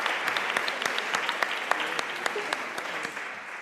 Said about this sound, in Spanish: Un aplauso, venga, para animarle a subir. Que a veces la timidez puede más que el premio, no pasa nada.